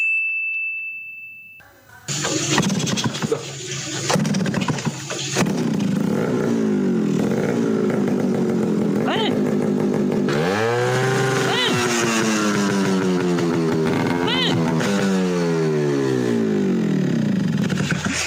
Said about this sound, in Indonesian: Muki marai kaget aku lele niki lho Mbah nembe jajal knalpot brong.